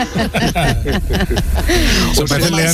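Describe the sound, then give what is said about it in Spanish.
Red deer stags roar during the rut, a series of deep, groaning bellows rising and falling in close succession, loud, with raspy harmonic tones. “Estamos en plenos días de la becerra del ciervo y de la berrea.”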